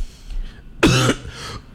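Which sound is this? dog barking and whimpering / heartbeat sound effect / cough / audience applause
cough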